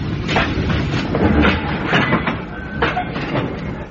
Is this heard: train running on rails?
yes